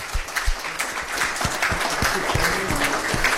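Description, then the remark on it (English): At an evening fundraising event, a crowd breaks into sustained applause after the donation total is announced, many hands clapping densely and loudly together with a few sharper individual claps standing out, continuing steadily for a few seconds. “Huge round of applause.”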